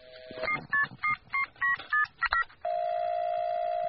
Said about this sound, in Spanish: Estamos haciéndole una llamada a Ernesto Che Guevara para hacerle unas preguntitas. Está llamando.